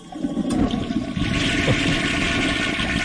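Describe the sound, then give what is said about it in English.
A toilet flushes with a loud, steady rush of swirling water that fills the whole clip, with no one talking. “I realize the only thing that needs to be flushed is that.”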